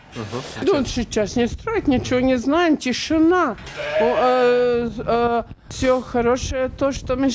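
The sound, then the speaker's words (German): Sheep bleat almost nonstop in a stable on a family farm, many wavering, overlapping calls from several animals, some short and some drawn out, fairly loud with no talking. “Inzwischen stehen wir am Eingang zum Stall. Alles okay bei den Schafen.”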